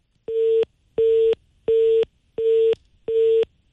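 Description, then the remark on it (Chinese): A telephone busy tone after a call to a manager at the furniture business Shuangye Home (双叶家居) was rejected: five evenly spaced, steady beeps about half a second long, separated by equal silences, clear, with no one speaking. “您好，您拨打的用户正忙，来电信息将以短信的形式通知他。”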